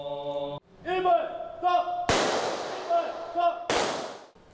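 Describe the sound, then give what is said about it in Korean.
Two loud, sharp rifle volleys of a ceremonial memorial gun salute crack out about a second and a half apart, each echoing away, following a steady tone and a voice calling out, at a Buddhist memorial rite for Korean War dead at Seoul National Cemetery, South Korea. “추모의 의미가 담긴 총성이 울려 퍼지자 사부대중은 일제히 고개 숙여 영령의 넋을 기립니다.”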